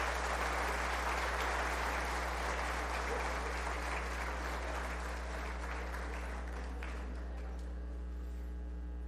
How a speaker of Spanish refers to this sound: A ver, todos los demás, démosles un aplauso, porque esto ha sido maravilloso.